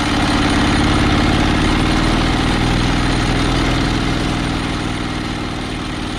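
An old motor mower engine, one of the first motor mowers that replaced scythe mowers in the area, restarted after years, runs steadily and loudly, a continuous throbbing drone with a rough, rattling edge that holds constant for the whole stretch, with no voices.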